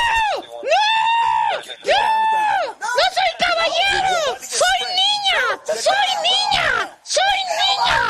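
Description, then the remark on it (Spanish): A voice imitates a man screaming: a string of loud, strained, drawn-out wails and yells, rising and falling in pitch with only brief breaks between bursts. “empezó a gritar: ¡Déjeme solo!”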